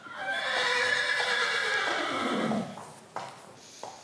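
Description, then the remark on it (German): A horse on the island of Föhr gives a long, loud whinny that starts high and shaky, then slides downward and fades over a couple of seconds, followed by a few short sharp knocks like hooves. “Und er hatte es ja schon angedeutet, Föhr ist auch eine Pferdeinsel.”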